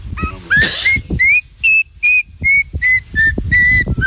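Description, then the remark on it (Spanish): A turpial's song (a small yellow and black bird): a loud series of about eight clear, whistled notes in a steady rhythm, some sliding upward, each short and bright, with no voices over them. “El turpial es el pájaro que estábamos jugando con la gente y ya con eso le ponemos”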